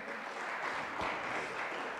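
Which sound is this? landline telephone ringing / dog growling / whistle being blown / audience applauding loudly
audience applauding loudly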